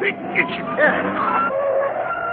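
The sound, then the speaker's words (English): A car brakes hard, its tires letting out a loud, sustained screech for a couple of seconds as it skids to a stop in the middle of the road, with a busy, cluttered background. “Stops in the middle of the road.”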